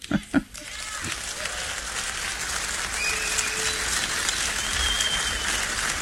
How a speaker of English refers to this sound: Is that really an applause line?